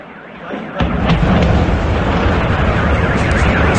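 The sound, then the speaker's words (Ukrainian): A loud explosion booms in suddenly after a quieter moment, then a heavy, low rumbling roar carries on at full strength to the end. These are explosions in Moscow, Russia, from a massive Ukrainian drone attack on the capital's oil refining facilities. “Вибухи в російській столиці лунали один за одним.”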